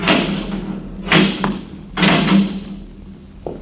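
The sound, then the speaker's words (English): A heavy door is worked open with several loud, resonant clunks spaced about a second apart, over a steady low rumble of hinge and mechanism, with no voices. “The childish science of modern civilization would give much to understand what lies beyond this door.”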